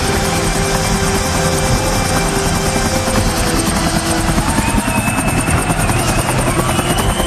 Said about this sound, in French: se vengera dès le lendemain 5 septembre en arrivant sur le stade en hélicoptère. C'était de la mise en scène pour un show de 3 heures.